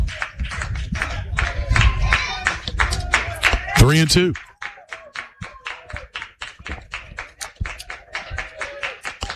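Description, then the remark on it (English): A baseball stadium crowd claps along with the Texans in a steady, even rhythm, crisp repeated claps running throughout, while an announcer talks over the first half and a brief whistle-like tone rises midway. “Crowd clapping along with the Texans.”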